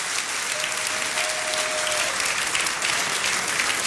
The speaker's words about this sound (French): Est-ce qu'on peut applaudir le nom de Jésus, s'il vous plaît?